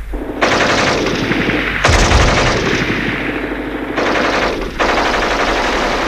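Loud, sustained bursts of rapid automatic gunfire from German soldiers crackle almost continuously, broken by a few short pauses, with a heavy low thud near the start of the second burst. No one speaks.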